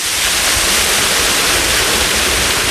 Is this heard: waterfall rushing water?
yes